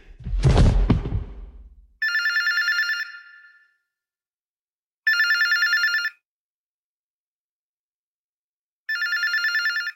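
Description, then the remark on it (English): A telephone rings three times in the morning, waking someone, each ring a steady electronic trill about a second long with long pauses between, loud, following a brief burst of low rumbling noise. “The morning sunlight was already coming through the blinds when the phone woke me.”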